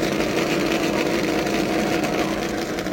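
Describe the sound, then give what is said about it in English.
A race car engine roars at the Indianapolis Motor Speedway as the car pulls out on the restart under yellow, in a steady, unbroken drone with a low hum and a broad hiss of noise, holding the same loudness throughout with no voices. “As the race car pulls out, remember that these laps under yellow will count.”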